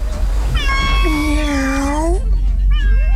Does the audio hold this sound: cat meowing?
yes